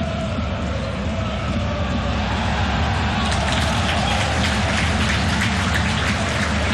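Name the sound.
stadium applause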